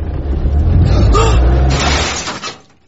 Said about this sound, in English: I'll just park us up. Can you get in there? If I can get into Pam's carport, I can do this.